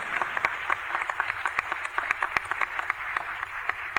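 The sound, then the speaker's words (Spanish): A crowd claps steadily in praise of the Lord after a Gospel reading, with many overlapping hand claps forming a dense, continuous patter, sharper individual claps popping out irregularly. Applause carries on without voices, at moderate level throughout. “Démosle un aplauso al Señor por su palabra.”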